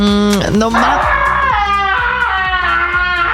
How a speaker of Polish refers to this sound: Ten dźwięk dzisiaj możesz usłyszeć. Tak, a co to jest? Alpaka! No nie żartuj! Nie żartuję.